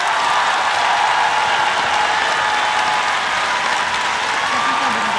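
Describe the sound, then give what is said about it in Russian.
A concert audience in Russia applauds at the end of a song festival concert broadcast on the Avtoradio evening show, a dense, loud wash of clapping that holds evenly throughout with no voices standing out. “Конечно же, огромное спасибо вам за поддержку, за ваши аплодисменты, за ваши песни.”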